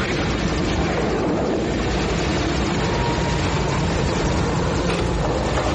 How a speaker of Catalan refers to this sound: En una d'aquestes curses de motos, topen amb el nen d'aspecte estrany i aleshores, del no res, apareixen uns helicòpters. Són de l'exèrcit? Helicòpters de l'exèrcit?